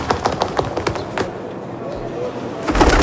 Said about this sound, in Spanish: suena paloma, ¿no?